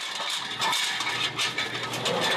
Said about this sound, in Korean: 이제 삶아서 식혀둔 국밥용 고기를 썰어야 하는데요. 여기에 고기 쓰는 기계, 고기 얇게 쓰는 기계, 국밥용 기계로 나온 거예요. 국밥에 들어갈 돼지고기는 얇게 썰어야 해 기계의 도움을 받습니다.